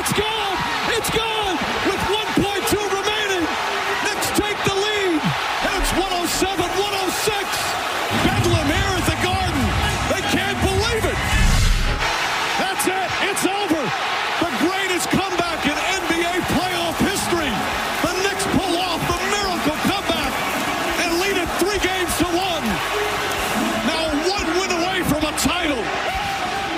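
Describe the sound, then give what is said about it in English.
An arena crowd roars after a game-winning tip-in following a missed Brunson three, completing a comeback from 29 points behind: a dense, sustained wall of cheering and shouting voices that stays loud for the whole stretch, with a heavy low rumble swelling partway through. “And now, that crowd.”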